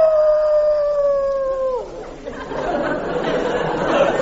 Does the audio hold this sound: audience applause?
no